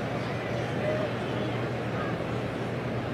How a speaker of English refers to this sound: Time called by Crow Armstrong. The Cub fans here at Great American Ballpark, you can hear them in the background chanting MVP with PCA at the plate.